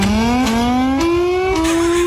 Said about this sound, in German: Ich habe gerade mal ein bisschen recherchiert, in den USA zum Beispiel, da klingt die Sirene wie so ein Starterfeld von Formel-1-Rennen.